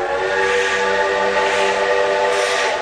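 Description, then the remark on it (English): A huge black steam locomotive thunders up to a station, its whistle blowing loud and steady for the whole stretch, layered harmonic tones held without a break over a rumbling, hissing train background. “Gentile decided to go by train to Denver, Colorado, Carlos stood in astonishment as the huge black steam engine thundered up to the station.”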